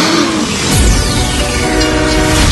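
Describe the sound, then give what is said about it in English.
A loud runaway train roars past with its horn blaring, the sustained horn tone bending downward as it rushes by amid heavy rumbling and rattling rail noise. “You're on a runaway train?”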